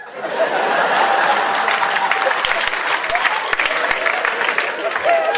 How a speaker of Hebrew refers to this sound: כפיים, כל הכבוד.